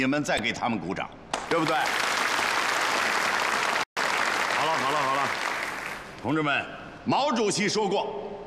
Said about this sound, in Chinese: 给我鼓什么掌？